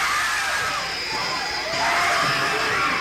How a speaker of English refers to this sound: This is not a trick. The screams you are hearing are the actual audience reaction to a sneak preview of Apartment Complex. A film so frightening you may never recover.